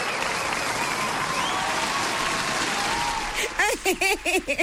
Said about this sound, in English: Hey, another applause.